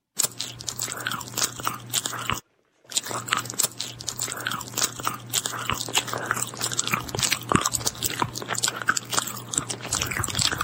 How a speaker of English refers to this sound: Chewing is a common sound that falls under the misophonia banner that drives people absolutely batty.